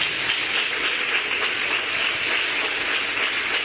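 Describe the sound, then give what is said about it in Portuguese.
A church audience claps for Jesus during a service in a steady, dense wash of applause that holds at an even level for a few seconds, with no voices standing out above it. “Palmas para Jesus.”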